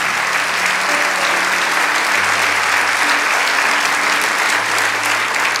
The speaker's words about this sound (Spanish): Vamos, dale ese aplauso. Aleluya.